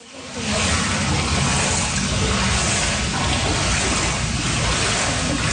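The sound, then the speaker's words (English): Steady, loud rush of water churning and splashing continuously for several seconds with no one speaking, as pools of water slosh around a flooded basement after a record-breaking storm on Canada Day. “Pools of water sloshing around flooded basements has been a constant source of worry for residents hit hard by the Canada Day storm.”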